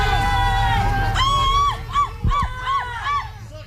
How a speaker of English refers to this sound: There were people from the encampment that were yelling at the police. They were yelling at the mayor.